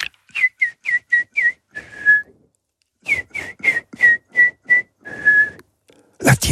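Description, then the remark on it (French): A person whistles the Gascon tune of the Loubénarit, two phrases of quick repeated notes each ending on a held tone, with a brief pause between them; clear, no talking. “Oh, je vais pas vous le dire, je vais vous le siffler.”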